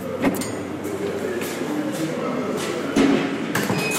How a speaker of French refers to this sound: Donc une prison, c'est beaucoup de portes qui s'ouvrent et qui se ferment toute la journée.